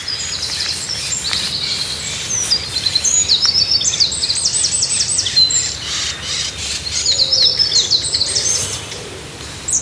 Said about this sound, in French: C'est lui, mon petit accenteur mouché. Tu connaissais le chant ? Accenteur mouché. Quel drôle de nom.